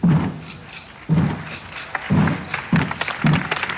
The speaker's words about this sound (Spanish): Las cofradías de Semana Santa han hecho sonar sus tambores.